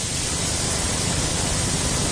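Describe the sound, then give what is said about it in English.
A steady, continuous wash of bright, hissing high-frequency noise, like blue noise, holding at an even level for the full two seconds with no voices or other sounds. “Of course, we can tilt it the other way, toward the hissing high end of blue noise.”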